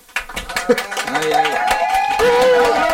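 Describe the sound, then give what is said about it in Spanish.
The live studio audience of the Cales Show radio program breaks into applause, a dense patter of many hands clapping that builds and holds steady, with voices and cheers rising and falling over it. “Y nada, hacemos público, un aplauso.”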